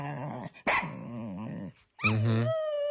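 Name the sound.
dog barking and growling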